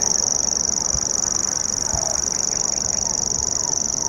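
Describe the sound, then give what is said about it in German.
A common grasshopper warbler's reeling song: a continuous, high-pitched mechanical trill, insect-like, running unbroken and fairly loud throughout, with a couple of faint low thumps underneath. “Dieses Geräusch hier prägte die ersten Stunden unserer Wanderschaft, denn der Feldschwirr, Schwirr, ne, Nomen est Omen, das schwirrt wirklich so vor sich hin, gehört zu einer kleinen Familie äußerlich recht unscheinbarer Vögel”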